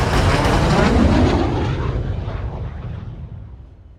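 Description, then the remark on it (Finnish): A loud, roaring military jet aircraft flies low past a grandstand, following military helicopters. Its broad rumble peaks early and then fades as it passes. No voices are heard. “Helikoptereiden perässä tulee sotilaslentokoneita.”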